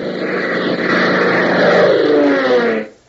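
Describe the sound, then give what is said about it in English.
Propeller airplane engines drone steadily and loudly, a thick low hum with a slowly shifting pitch, holding for nearly three seconds before cutting off abruptly. No one speaks. “Gail closes her eyes and listens to the drone of the engines, realizing that each revolution of the propellers is carrying her farther and farther away from help.”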